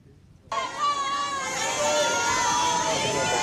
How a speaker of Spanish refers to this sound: Estos eran los gritos a su llegada